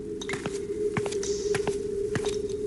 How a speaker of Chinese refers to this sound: 在他凌厉的笑声中，从山洞的一隅传过来一个人的脚步声。